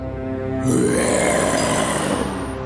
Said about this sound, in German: Mit dem Brüllen des Löwen wurde die kleine Maus weit weg von ihm geweht.